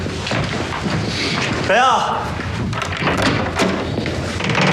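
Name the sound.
footsteps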